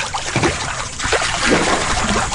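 Water sloshes and splashes in a steady, bubbly wash as waves are made in a warm hot tub, with no talking.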